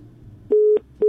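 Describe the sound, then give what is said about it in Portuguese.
A phone line's busy tone after a call to the Atlântida radio station drops: steady, loud beeps of a single pitch, pulsing on and off in an even rhythm, following a short stretch of low murmur. “Caiu.”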